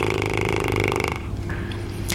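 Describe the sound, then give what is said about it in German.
A fluttering lip trill without voiced tone: air blown through loose, relaxed lips makes a rapid, buzzy motorboat rattle for about a second, then trails off into a softer, breathy flutter. “Das ist das ganz berühmte Lippenflattern. Wenn wir einfach die Lippen ganz locker lassen und Luft durchpusten, haben wir erstmal ohne Ton ein ganz normales.”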